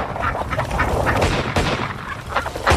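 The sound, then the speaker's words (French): Busy, continuous duck quacking from a duck-shooting game, loud, with a sharp gunshot cracking through around the middle and another burst near the end, as a player tries to shoot as many ducks as possible in 30 seconds. “D'après vous, combien de canards je peux descendre en 30 secondes?”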